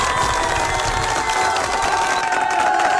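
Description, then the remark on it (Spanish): A crowd applauds and cheers loudly and continuously for all the day's workers, with claps and scattered shouts blending into a dense, sustained wash of noise that holds steady throughout. “Un fuerte aplauso para todos los trabajadores y trabajadoras del día de hoy.”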